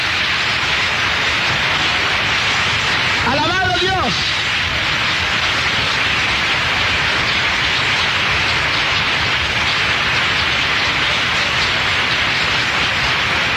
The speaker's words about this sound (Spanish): Denle un aplauso fuerte a Jesucristo.